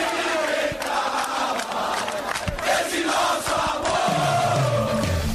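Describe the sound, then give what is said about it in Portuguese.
A large stadium crowd of football supporters chants a battle cry together, a dense, loud roar of many voices rising and falling steadily throughout with no single speaker standing out. “Força da torcida, o grito de guerra, a presença, o apoio, o aplauso, tudo faz diferença.”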